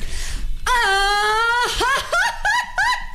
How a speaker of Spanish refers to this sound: vamos a hacer un concurso rápido de gritos de mariachi